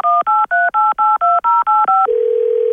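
Ten quick touch-tone beeps of the phone number of Soudure Kaplan being dialed, each a short two-note chirp in steady rhythm, followed by a continuous low ringing tone. No voices.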